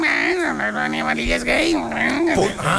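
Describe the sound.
A person imitates a cat meowing, voicing a few drawn-out, wavering meows that run together with rising and falling pitch, fairly loud.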